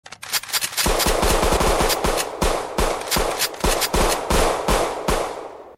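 A rapid, sustained burst of gunfire, more than 30 sharp, loud shots cracking in quick succession for several seconds, unbroken, with no voices; fired by four attackers dressed in black and wearing balaclavas after they broke down an entrance door.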